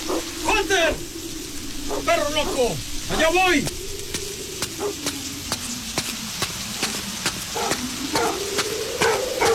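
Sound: dog barking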